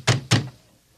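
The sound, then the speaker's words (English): Two heavy, booming knocks from guards land on a wooden door in quick succession, loud, followed by silence. “please open the door.”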